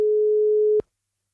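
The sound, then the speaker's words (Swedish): A single steady ringing tone from an outgoing phone call placed live from a studio, one clean mid-pitched beep lasting just under a second before cutting off into silence. “Jag har fått ett telefonnummer in till studion här. Nu hänger ju allt på att personen i fråga svarar. Så jag ringer i direktsändning”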